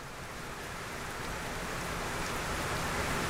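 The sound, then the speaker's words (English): Water trickles and flows in a sound art piece, a steady, dense wash of hissing, rain-like sound that swells slightly louder over a few seconds, with no voices. “the recurring presence of water, a trickling, flowing, resonating, and transforming presence”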